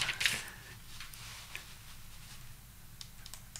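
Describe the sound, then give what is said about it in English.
A short, crisp rustle of paper being handled by a radio presenter during a broadcast on Star FM 91.9, followed by a few faint ticks and soft shuffling over a low background hum. “Just a bit of paper there.”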